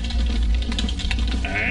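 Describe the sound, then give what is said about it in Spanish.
Soft, irregular keyboard clicks tap away in the background over a steady low hum, with a brief higher tone rising near the end. “Ahí el teclado como suena detrás.”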